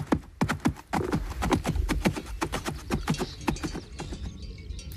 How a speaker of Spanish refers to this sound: cuando cada pueblo molía su propio grano o los cascos de los animales de labor. Algunos todavía pueden oírse en demostraciones o donde se mantienen estos oficios, pero ya no forman parte del sonido habitual de los pueblos.